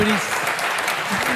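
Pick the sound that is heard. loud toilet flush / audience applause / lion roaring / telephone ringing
audience applause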